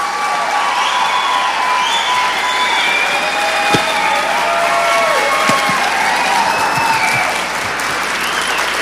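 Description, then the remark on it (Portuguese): A crowd claps steadily and loudly throughout, a dense wash of applause with scattered cheers and whistles rising over it, holding at an even level for the whole stretch. “Não, não, aplaude direito.”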